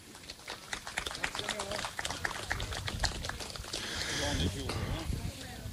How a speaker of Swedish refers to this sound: Okej, men då ger vi en stor applåd.